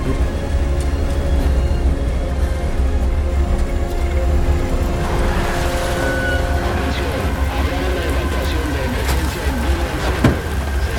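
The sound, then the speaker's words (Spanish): A truck engine rumbles steadily with a low, droning hum that grows rougher and noisier midway as the vehicle approaches, its grinding mechanical texture continuing to the end. “Viene un camión.”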